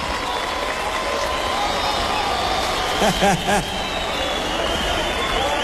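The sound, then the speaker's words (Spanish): A large concert audience applauds the Sinfónica orchestra steadily, a dense continuous clatter of clapping with crowd murmur, and a couple of short voiced cheers or shouts rise above it about halfway through. “Un fuerte aplauso para la Sinfónica.”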